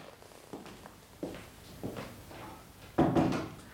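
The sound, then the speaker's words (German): A door is being closed: a few soft knocks and creaks of handling, then a firmer, louder thud as it shuts near the end, with no voices. “Wenn du willst, dass die Dienerschaft hört, was ich dir zu erzählen habe, brauchst du die Tür nur offen zu lassen.”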